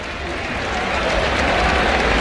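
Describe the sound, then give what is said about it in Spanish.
A large bullring crowd bursts into sustained, roaring applause, an ovation after matador Luis David's full sword thrust on the bull. A dense wash of clapping swells slightly and holds steady throughout, like rushing water, with no clear voices standing out. “¿Cómo se escuchó la ovación? Como si fuera una cascada de agua.”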